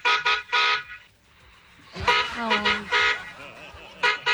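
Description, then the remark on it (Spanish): A car horn honks in quick short bursts, three rapid toots, then a pause, more honking mixed with a voice, and another short beep at the end. Loud. “Ay, otro pitico.”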